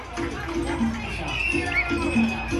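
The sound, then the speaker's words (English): A large, multi-generational crowd of Colombian soccer fans in Houston, wearing yellow jerseys and carrying whistles, watches the Colombia-Uzbekistan game with continuous, dense cheering and hubbub, steady droning tones cutting through the din for under three seconds. “This big, multi-generational crowd is part of a diverse, young, and growing market of U.S. Latinos.”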